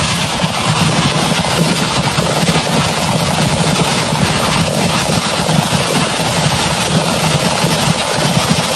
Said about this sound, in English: So this is from ABC World News. So this is audio of the fireworks going off. Somebody just saw it on their phone, but a fire went through a fireworks stand. So of course, when that happens, it blows up.